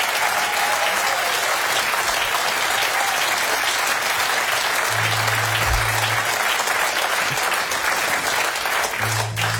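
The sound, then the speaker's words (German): A large concert audience claps steadily and loudly for the band throughout, a dense, continuous wash of applause with a low hum faintly beneath it and no voices rising above the clapping. “Applaus für die Band!”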